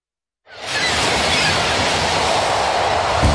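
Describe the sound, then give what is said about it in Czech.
A tram rolls in on rails, a steady broad rumble and hiss that swells in quickly after a moment of silence and stays loud, with faint wheel rattle underneath. “Když ráno rozsvítíte, když přijede tramvaj, když se otevřou dveře a město běží tak, jak má.”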